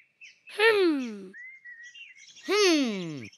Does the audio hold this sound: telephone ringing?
no